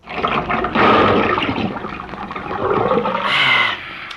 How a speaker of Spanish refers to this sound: Vaya, ya se abrió el chorro, me mete el pico.